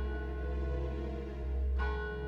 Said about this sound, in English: Far, far away, I could hear church bells or death bells. Was it real? Was it my imagination?